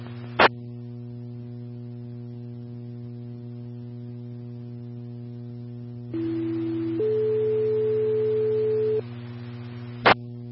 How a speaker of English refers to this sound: Again, Westfield, Tones for a fire assist on 371 near the coordinates in the card. Deputies are on scene requesting assistance with extrication.